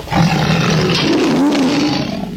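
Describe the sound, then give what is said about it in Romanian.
A lion roars angrily, scolding a monkey, a loud, sustained rumbling growl that fills the whole couple of seconds with harsh, gravelly force and no speech. “Leul, cum văzu maimuța, care continua să se dea huța, o admonestă cu vehemență pentru insolență.”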